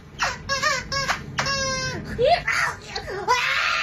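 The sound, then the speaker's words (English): A squeaky toy is squeezed, giving three short, high, wheezing squeaks and one longer squeak, then a person with perfect pitch imitates them with whiny, pitch-bending squeals. “I have perfect pitch, so I'm going to squeeze this squeezy toy and then mimic the sound it makes.”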